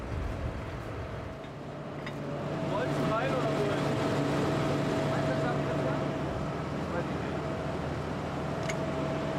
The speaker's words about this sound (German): Nur 5 Minuten später, ein weiterer Trecker steckt fest.